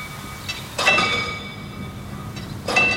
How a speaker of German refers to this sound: Diese Schranke wird auch noch manuell bedient. Und es klingt auch noch richtig schön nach alter Eisenbahn.